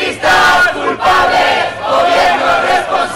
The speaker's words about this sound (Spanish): Estos fueron los gritos de una manifestación multitudinaria en Logroño, con cerca de 1.500 personas que, convocadas por el Sindicato de Vivienda, reclamaron el final de los desahucios y la especulación inmobiliaria.